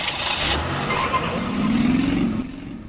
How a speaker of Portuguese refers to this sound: Lemos TV, para todo mundo ver a cidade de Codó, o trânsito de Codó. É, aqui você está vendo, nós estamos acompanhando como é que flui o trânsito, principalmente no horário de pico.